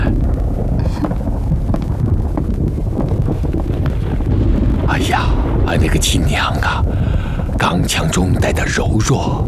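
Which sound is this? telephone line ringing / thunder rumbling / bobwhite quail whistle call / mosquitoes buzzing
thunder rumbling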